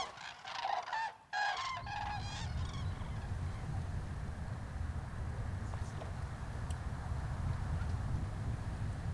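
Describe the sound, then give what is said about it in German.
A flock of common cranes trumpets in a quick burst of overlapping calls at the start, then falls quiet, leaving a steady low rumble of wind for the rest. “Gesunde Kraniche gehören eigentlich nicht zum Speiseplan der Greifvögel.”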